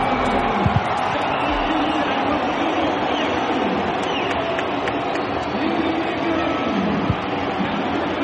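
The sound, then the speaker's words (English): A large stadium crowd at an Inter Miami soccer game cheers as Lionel Messi checks in, a loud, sustained roar that holds steady for several seconds, with a dense wash of many voices and occasional shouts rising above it. “Let's hear it from the crowd.”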